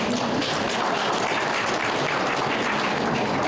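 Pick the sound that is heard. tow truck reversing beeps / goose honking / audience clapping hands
audience clapping hands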